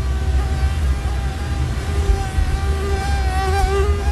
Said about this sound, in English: And that is the buzz of mosquitoes. They love me, and they love a lot of people.